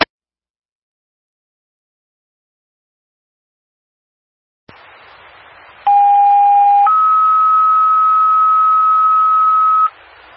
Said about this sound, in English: Can you please drop a set of test house tones, please?